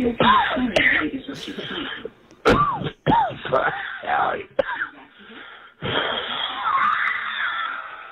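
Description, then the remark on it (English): A man coughs and wheezes repeatedly in harsh, raspy bursts over a narrow, phone-like line, with ragged breaths between the fits and no clear words; a caller's voicemail message left on a radio show's GOAT line, coughing for about the first 45 seconds. “He's the only guy that calls and coughs for the first 45 seconds of his message.”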